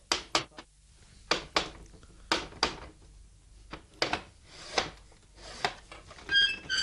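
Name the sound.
knocking on a door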